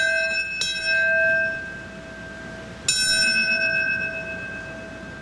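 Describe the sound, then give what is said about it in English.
A memorial bell rings out twice to mark each life lost, as victims' names are read at a morning gathering. The first strike comes near the start and another about three seconds later, each leaving a long, shimmering tone that fades slowly. “The ringing of a bell also marking each life lost that day, followed by a moment of silence.”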